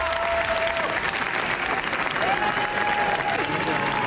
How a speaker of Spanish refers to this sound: Veinte minutos de aplausos se ha llevado la película de los Javis, gran comienzo para los directores que se estrenan en la Croisette y compiten por la Palma de Oro